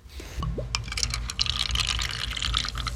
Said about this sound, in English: First, samples from our soda, the one from the 1979 newspaper, are poured into little cups.